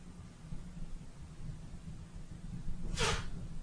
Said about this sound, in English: Forgive me, I'm going through a sneezing fit. My allergies are killing me. So if I'm silent, it's because I'm sneezing.